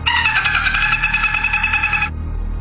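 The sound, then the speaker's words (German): A human voice imitates a dolphin, played as sound number 1 in a human-or-animal quiz: a loud, high, buzzy squeal that pulses rapidly at a steady pitch for about two seconds, then cuts off abruptly over a low background hum. “Ist dieser Ton ein Delfin oder ein Mensch?”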